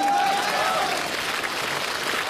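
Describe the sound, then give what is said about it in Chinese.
Steady applause from an audience, a dense wash of many hands clapping at an even loudness throughout, with a brief faint whistle-like tone near the start. “你要不鼓掌，我就老哎。”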